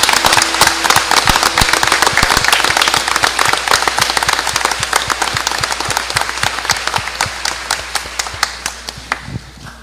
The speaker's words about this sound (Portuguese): uma salva de palmas aos nossos pais.